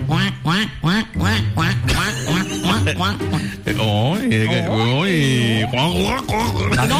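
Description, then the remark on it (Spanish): A voice imitates a duck, quacking over and over in a quick, nasal series of loud squawks that vary in pitch, with a few drawn-out honks near the end. “Usted sabe, cuac, cuac, cuac, cuac.”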